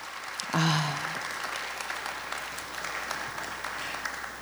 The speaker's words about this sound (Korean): 정말 예술이란 무엇인가를 다시 한번 생각하게 해주신 두 분의 무대, 여러분 다시 한번 박수 보내주시기 바랍니다.